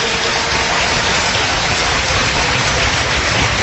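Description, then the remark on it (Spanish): A crowd claps steadily and loudly as praise to the Lord, welcoming a talk on Bible prophecy: a dense, crackling wash of many hands that holds an even level throughout with no voices breaking through. “Bienvenidos, un fuerte aplauso, Señor.”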